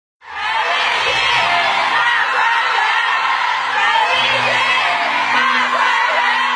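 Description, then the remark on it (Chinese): A packed theater audience at Shanghai Culture Square roars with sustained applause and high-pitched cheering, shouting and calling a performer's name as the opera My Grand View Garden ends, a dense, loud wall of crowd noise that starts abruptly and holds steady without letting up. “当粤剧《我的大观园》演出落幕，观众持续鼓掌，呼唤演员姓名的声音响彻剧场。”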